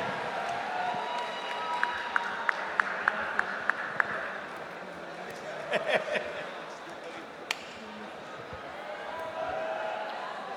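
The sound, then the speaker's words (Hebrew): An audience applauds steadily for about ten seconds as the programs and news director of the Kol Chai station is invited to the stage. It is a dense wash of clapping with a run of sharper, evenly spaced claps early on and a few louder bursts midway, voices faintly mixed in. “ואני רוצה שתיתנו לו הרבה מחיאות כפיים, בבקשה,”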